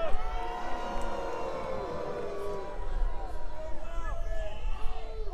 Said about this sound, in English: Take your booing to the voting booth, where it really matters.